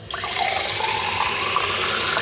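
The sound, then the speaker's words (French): Water pours steadily from a kitchen tap, a loud, continuous rushing stream that starts abruptly and keeps flowing without a break. No voices are heard. “C'est un geste du quotidien, mais depuis quelque temps, Rodrigo remarque que quelque chose a changé avec l'eau de son robinet.”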